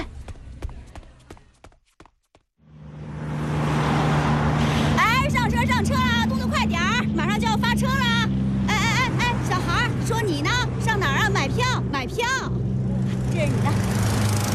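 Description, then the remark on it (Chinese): A bus engine rumbles steadily at a bus station, a loud low drone that sets in after a few sharp clicks, with several voices talking over it. “坐上九字头的车去郊区吧，这市里啊谁都不敢用你。”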